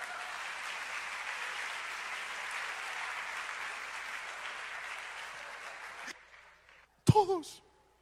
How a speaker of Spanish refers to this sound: Eso merece un aplauso, por favor.